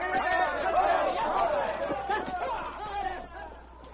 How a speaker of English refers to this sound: He fled with the crowd as it jostled and jammed its way to the street.